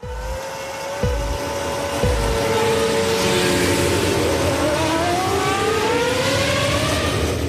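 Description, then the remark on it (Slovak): Several racing cars roar off together at the start of a race as the last of five start lights comes on, engines revving hard in rising, overlapping whines that swell into a loud, sustained pack of accelerating motors with no voices. “Nad autami sa postupne rozsvietila petica svetiel a ako napovel sa pri rozsvietení posledného z nich, všetky autá prudko rozbehli.”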